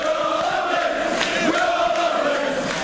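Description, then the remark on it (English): A large crowd cheers in an imagined stadium on the old GM building site in Ontario, a steady, loud roar of many voices blended together, holding at a constant level throughout with no single voice standing out. “Can hear the crowd now.”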